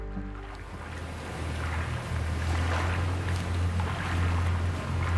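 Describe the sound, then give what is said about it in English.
Water rushes and burbles steadily, a continuous wash of sound over a low, constant rumble, with no voices, in a little strip of wilderness running through London. “You can hear birds and you hear water, and it's like this little strip of wilderness just running through this modern mega city.”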